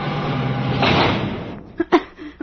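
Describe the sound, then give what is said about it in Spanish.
An elevator, raised by working its wires, arrives and its door slides open with a sustained rumbling whoosh over about a second and a half, then settles with a few sharp knocks and clunks as it stops. “acciona de nuevo en los alambres y hace subir al elevador, cuya puerta se abre.”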